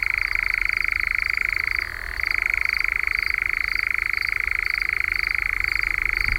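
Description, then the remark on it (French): A European nightjar's churring call: a steady, rapid mechanical trill that runs unbroken, dipping briefly in pitch once before resuming at full strength. No voices are heard. “Mais c'est quand même un oiseau qui sort au crépuscule et qu'on entend chanter et se manifester de différentes façons.”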